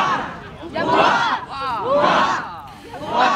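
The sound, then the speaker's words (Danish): A large crowd of royal fans cheers and shouts in loud, surging waves as the Danish royal couple walks down onto the quay at Odense Harbour, Denmark. Voices rise and fall in overlapping bursts of excited acclaim. “For en halv time siden gik kongeparret fra Borre og ned på kajen i Odense Havn til stor hyldest.”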